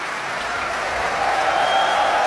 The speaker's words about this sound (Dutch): En terecht zwelt het applaus hier aan voor het prachtige Groot Omroepkoor.